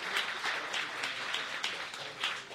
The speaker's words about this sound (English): But she wanted to make sure that South was a part of the tour here in Philadelphia. For you guys, I think that's a big round of applause.